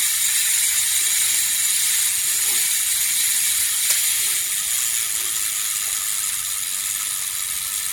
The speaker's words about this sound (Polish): No, możesz też wykorzystywać samowyzwalacz. I w 50 sekundach samoczynnie zrobić zdjęcie. Wszystko mechaniczne, żadnych baterii.